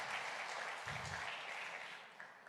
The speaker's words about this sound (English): Vamos, dele un fuerte aplauso al Señor. Come on, let's give a round of applause to the Lord.